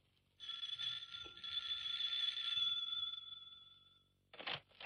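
A doorbell rings in one long, steady, high-pitched buzz lasting about four seconds, followed by a couple of short rattling bursts.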